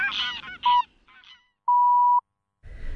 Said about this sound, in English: The Grey Leg Goose.